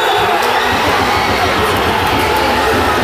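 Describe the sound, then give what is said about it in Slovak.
A loud, sustained roar of a football crowd cheering in joy at a Komárno versus Prešov match after the video assistant referee disallowed a stoppage-time Prešov equaliser for offside. A dense wall of voices with occasional higher whoops and shouts rising above it for the full three seconds. “Explózia radosti sa tak presunula z jednej strany na tú druhú.”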